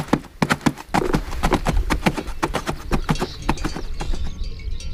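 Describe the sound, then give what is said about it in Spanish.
Hooves of working horses clip-clop in a brisk, uneven rhythm of sharp, bright knocks, loud and continuous over a low rumbling background, with no voices. “Y la muela, cuando cada pueblo molía su propio grano, o los cascos de los animales de labor.”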